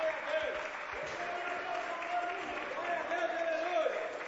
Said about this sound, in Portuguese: Vamos recebê-lo como? Com tristeza ou com alegria? Não, então vamos receber com palmas para Jesus. Seja bem-vindo, meu pastor.